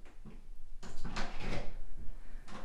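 A door creaks and scrapes as it swings slowly open, a drawn-out sound with a few soft knocks and rattles, heard alone without any voices.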